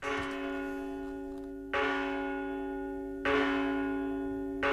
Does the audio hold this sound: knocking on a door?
no